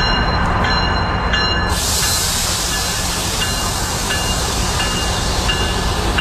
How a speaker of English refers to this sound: I can see GO trains moving here again on the Lakeshore West Line west of Exhibition Station